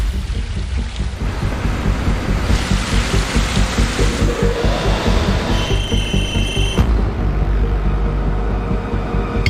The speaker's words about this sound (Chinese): 那就这样。开孔。 在反复确认角度之后，钻孔终于开始。